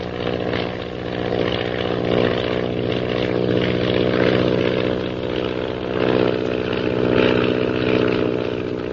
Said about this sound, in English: Shanghai Lil zooms skyward with the intention of climbing above the mysterious purple triangle plane unnoticed.